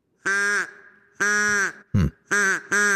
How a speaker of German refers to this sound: Klingt wie eine Mischung aus Auto, das nicht anspringen will, und einer wütenden Ente, oder? Aber so könnte ein ausgestorbener Vogel geklungen haben. Der Dodo hat bis vor 400 Jahren auf einer wunderschönen Insel mit Traumstränden gelebt